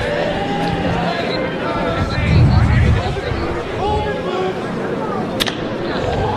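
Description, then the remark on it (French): A steady stadium crowd murmurs in the background, then a single sharp, crisp crack of a bat rings out near the end as left-handed batter McGarry hits a pitch from Derek Cherry, a hard line drive foul along the first base line, fairly distinct above the chatter. “Bon contact, mais hors ligne le long de la ligne du premier but. C'était frappé en flèche.”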